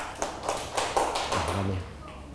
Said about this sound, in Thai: ขอบคุณมากลูกปรบมือกับเพื่อนหน่อยครับ